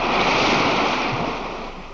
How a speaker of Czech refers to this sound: Moře.